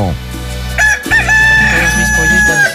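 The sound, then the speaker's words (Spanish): A rooster crows loudly on a Tuesday morning, one long strained cock-a-doodle-doo with a rising, drawn-out final note, heard alone with no talking. “Y así le canta mi gallo para motivarlo en esta bella mañana de martes.”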